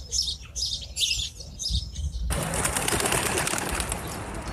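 A crowd of birds chirps and twitters in repeated bursts, then a dense, continuous wash of chattering calls takes over, loud like a large flock all calling at once, over harvest fields where the birds pick up leftover grain.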